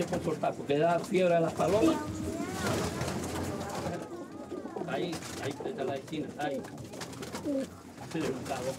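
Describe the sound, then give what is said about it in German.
Racing pigeons, bred for distance races between islands, coo steadily, overlapping low, throaty rolling calls that rise and fall in a continuous, fairly loud chorus for the whole stretch. “Wenn die so klein ist, dann kann es sein, dass die Taube Fieber hat.”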